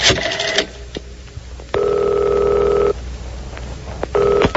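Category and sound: sound effect, telephone ringing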